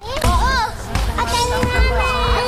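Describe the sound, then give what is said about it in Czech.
Kids' excited voices and shrieks ring out at a new solar-system-themed playground by the observatory and planetarium in České Budějovice, with children on a merry-go-round, a trampoline and a yellow sun-shaped climbing frame, thumps of play in the background and lively chatter overlapping throughout. “3 děti na kolotoči, 2 na trampolíně a několik dalších na žluté prolézačce připomínající slunce.”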